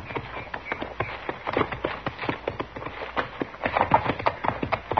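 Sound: horse hooves clip-clopping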